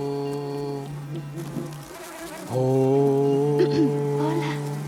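Flies buzz steadily around Unia's long, flower-adorned hair, a droning hum that wavers in pitch as they circle, briefly softening before swelling louder again.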